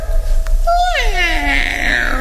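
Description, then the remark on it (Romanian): A single drawn-out meow with a falling, whiny pitch, loud, in a dark pit with rats, most likely a person's voice imitating a cat rather than a real animal. “Îndată o să dea ochii drăgărașii de ei cu signora pisica.”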